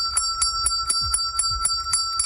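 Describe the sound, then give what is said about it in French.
A hand bell rung rapidly and steadily at a training enterprise to celebrate a participant finding a job, about four bright clangs per second over a sustained metallic ring, fairly loud, with no voices. “lorsque un participant termine sa formation et qu'il est accompagné pour se trouver un emploi, eh bien, lorsqu'il a réussi à intégrer le marché du travail, il arrive dans l'espèce d'entreprise, d'entraînement, il prend la cloche et on entend ce son.”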